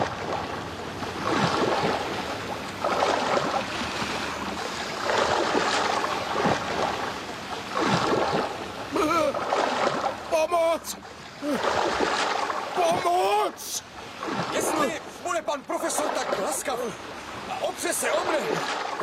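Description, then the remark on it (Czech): Loud, steady rush of sea waves with repeated churning splashes throughout, as a man knocked over the rail of the frigate Abraham Lincoln falls into the sea, with brief human vocal sounds breaking through around the middle. “Byl stržen přes pažení a sražen do moře.”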